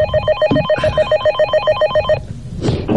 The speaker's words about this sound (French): Mais avant, j'ai un coup de fil à passer, ah, où j'ai reçu un coup de fil. Voilà, je m'approche vers le standard. Allô?